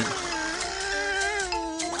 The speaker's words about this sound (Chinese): 怎么还有蚊子叫？